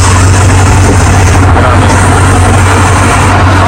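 A heavy truck engine rumbles steadily, a constant low drone with a broad rough hiss over it and no breaks for the whole stretch, like a truck idling.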